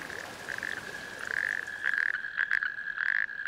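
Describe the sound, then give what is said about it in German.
Male natterjack toads at new rain pools in the tracks of military vehicles give their mating call, a loud, unbroken rattling trill on one high, steady pitch that swells and fades slightly in waves and can be heard 2 kilometres away, with no voices. “Es sind männliche Kreuzkröten, deren Bestand in anderen Teilen Deutschlands immer mehr abnimmt. Ihr Paarungsruf ist 2 Kilometer weit zu hören.”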